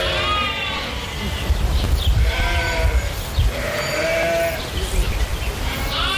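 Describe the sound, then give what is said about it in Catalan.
Several lambs bleat repeatedly and overlap one another, their high wavering cries rising over a low rumbling background, loud, with no talking in between. “I mentrestant, hi ha hagut un nou robatori de xais a les últimes hores a Catalunya, aquest cop a Maçanet de la Selva.”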